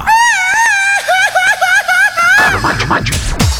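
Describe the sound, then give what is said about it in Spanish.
A loud, high-pitched Mexican grito as shouted in Lupinaje, Caltenango, a warbling falsetto yell with quick trills that breaks into choppy, laughing whoops toward the end. “¿cómo se grita por allá?”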